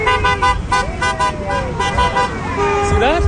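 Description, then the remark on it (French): Car horns honk repeatedly amid busy street traffic at an intersection in Calgary, Canada, a passing driver honking at people waving signs in a parking lot, with people talking and shouting over a steady roadway rumble. “Vous voyez, le conducteur qui vient me klaxonner est philippin.”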